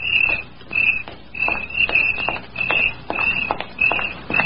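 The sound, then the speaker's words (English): Steady footsteps of a woman walking home at night move at an even pace, each step a soft crunch, while crickets chirp continuously in a high, pulsing trill over them. No one speaks. “He knew she would walk home that night, and he waited in a clump of weeds until he heard her footsteps.”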